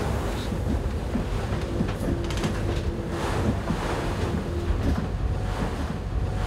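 A boat's engine drones steadily as it picks up speed running against the sea, while waves crash and hiss against the hull, with gusts of wind buffeting the microphone throughout. No one speaks.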